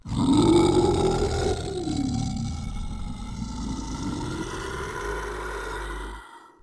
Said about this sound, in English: I hadn't gone very far when I met a howling, growling, yowling monster.